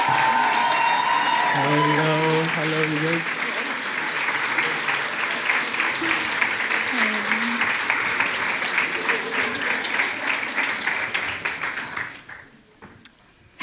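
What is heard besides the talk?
audience applause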